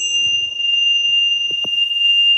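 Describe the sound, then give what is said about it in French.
A small bell rings to announce the start of a wellness bath treatment, with a bright, steady tone that sustains evenly throughout, clear, with a few soft low knocks and handling sounds underneath. “La petite cloche qui va bien.”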